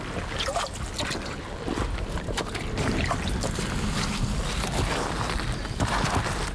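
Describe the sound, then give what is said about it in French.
Water laps and splashes steadily at a stream's edge, with small irregular sloshes over a broad wash of flowing noise and a touch of wind; no voices. “Au bord du ruisseau, le dos clapotillé, de l'eau, c'est un peu comme les clarines des hauts pâturages.”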